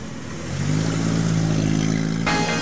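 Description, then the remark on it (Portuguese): A car engine revs up loudly and holds a steady, rising drone, then shifts abruptly near the end with a burst of brighter noise, with no voices present. “Seu carro precisa de cuidado de verdade? Então acelera pra Meridional Auto Center.”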